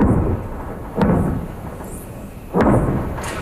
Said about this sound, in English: Explosions in southern Lebanon overnight.